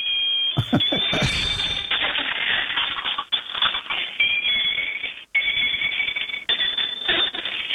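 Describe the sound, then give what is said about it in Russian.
A mechanical toy bicycle that rides along, its rider moving its legs and wearing a cow's head, whirs and rattles continuously, with rapid clicking like a ratchet and a shrill, bell-like ringing running through it, pausing briefly a couple of times. “Есть велосипед, который едет и издает звуки.”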